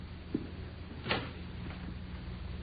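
A door being unlocked: a small soft click, then a sharper, louder clack of the bolt about a second later, over a low steady hum with no talking.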